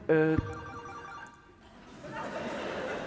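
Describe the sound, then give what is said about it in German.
A mobile phone ringtone sounds loud with a bright electronic melody, then trails off as a murmur of voices and background noise rises behind it. “hat jetzt irgendein Assi sein Handy an?”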